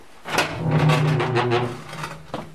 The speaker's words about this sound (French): Mais on ferme la porte. Et à la radio, on aime bien les bruits de porte.